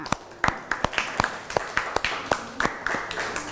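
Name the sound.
classroom applause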